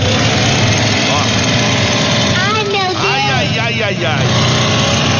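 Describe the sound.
A farm machine's engine runs loudly and steadily on a farm with a constant rumbling drone, while voices call out over it in the second half.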